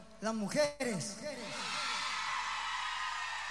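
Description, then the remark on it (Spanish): Several high women's voices shout and whoop together in loud, overlapping bursts as a crowd answers a call, then fade into a steady wash of crowd noise and cheering that carries on to the end. “Un grito que se escucha desde Arica a Punta Arenas, ¿ya?”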